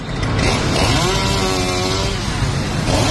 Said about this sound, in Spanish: El sonido de la motosierra alertaba a los viandantes y a Más Madrid, que denunciaba ya en el interior la tala de árboles en el entorno de la Plaza de Cibeles para la instalación de un escenario para la visita del Papa.